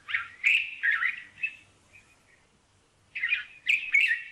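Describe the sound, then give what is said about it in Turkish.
A white-spectacled bulbul sings bright, warbling phrases in two bursts separated by a brief pause, clear, with no voices present. “Gerçekten Arap bülbülünü bilenler bilir. Bulunduğu yerde en yaygın türlerden biridir.”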